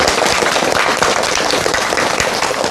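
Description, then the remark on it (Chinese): A crowd applauds loudly and steadily, dense overlapping handclaps forming a continuous crackling wash with no voices on top, sustained at an even level throughout, welcoming Professor Yao Xishuang to a lesson on Su Shi's poetry. “今天这节课我们很高兴啊，为大家邀请到了姚喜双教授，我们掌声欢迎。”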